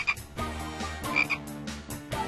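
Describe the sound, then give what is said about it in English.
A frog croaks several times in quick succession, each croak loud and raspy, in an uneven rhythm with no voices. “Frog.”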